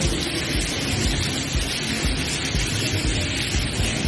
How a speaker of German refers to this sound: Das ist innen, ja? Das ist der Wasserfallregen innen im Gebäude. So, und diesen Sound, also den möchtest du beim Studieren ja vielleicht nicht hören, ne?